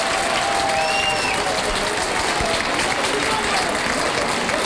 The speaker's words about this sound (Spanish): Sonando el himno de España en Granada también, las cuadrillas con el capote de paseo debajo de la presidencia esperando que termine ese himno de España que se repite igual que se ha repetido en Sevilla. Rompe la ovación.